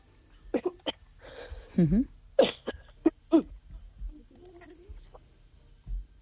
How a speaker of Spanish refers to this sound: Le ha dado la tos, no sé si se ha atragantado ahora mismo …